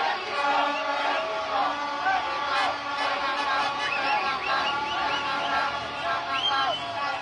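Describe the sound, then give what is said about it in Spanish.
A large crowd of thousands of fans cheers in celebration of a single goal that gave Mexico victory at the 2026 World Cup on a Thursday night, a steady, loud roar of many voices with overlapping shouts and wavering cries rising above it throughout. “Aunque un solo gol dio la victoria a los seleccionados mexicanos, fue suficiente para que miles de gargantas se unieran en un solo grito de festejo.”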